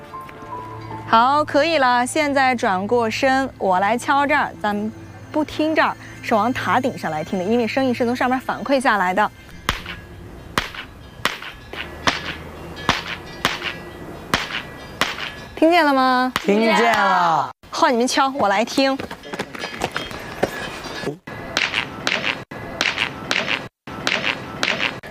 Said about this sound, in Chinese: 普救寺的这个塔有一个绝妙之处，就是站在塔的旁边基石，从塔上会发出一种很像青蛙在叫的回音，很神奇的，想不想体验一下？